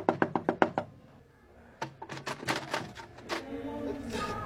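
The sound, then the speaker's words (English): A quick run of about six sharp, loud knocks on a door, then after a short pause a second, more irregular burst of knocking, with faint voices coming in at the end. “I've been knocking. Nobody responded.”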